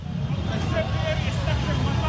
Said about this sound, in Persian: موتورسیکلت سواران پرچم به دست به خیابان‌ها هجوم آوردند در اعتراض به توافق دو دولت لبنان و اسرائیل در واشنگتن.